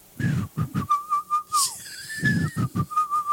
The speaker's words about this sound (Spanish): y entonces escuchan el silbido torero, que siempre es muy característico entre nosotros los toreros.